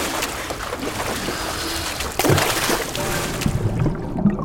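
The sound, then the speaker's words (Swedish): Water sloshes and churns continuously around someone's feet in a waterfall, a busy splashing swirl with a few louder surges near the middle and end, and no voices. “Då åker du rakt ner i Karmafallet. Vattnet, det suger runt fötterna.”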